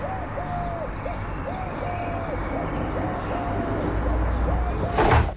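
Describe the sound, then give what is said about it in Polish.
Sparrows chirp in a steady run of short, repeated calls over a constant low rumble of car traffic, with a louder whoosh of passing noise at the very end. “Kosy w oddali, wróble. Nawet w takim hałasie jak teraz, gdzie słychać samochody, też od wilgotnego powietrza.”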